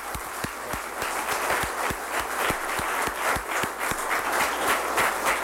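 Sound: applause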